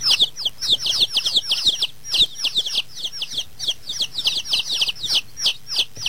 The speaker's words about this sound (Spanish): Esa es mi crianza de pollitos, entre paréntesis. Sí, pues, ¿qué se cree? Súper están mis pollitos.